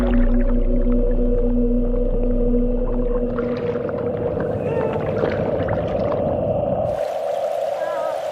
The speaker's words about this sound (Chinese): 港海豹妈妈终于听到了幼崽的呼唤，就在身体接触到的那一刻，这对母子马上认出了彼此。